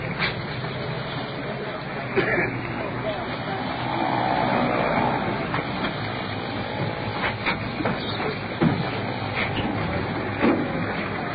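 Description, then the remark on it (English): An ambulance rolls in at a store with a steady engine rumble and hiss that swells midway, broken by a few clanks and knocks. No siren is heard. “Here comes the ambulance rolling in.”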